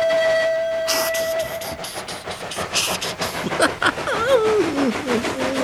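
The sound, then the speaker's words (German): Thomas, a steam locomotive, chugs along the rails heading home to the engine shed in Tidmouth, with a steady, rhythmic run of hissing puffs and clatter; a held tone opens the sound, and wavering, sliding tones rise over it near the end. “Nach dem schönen Erlebnis mit der Bücherwiese rattert Thomas zufrieden über die Gleise.”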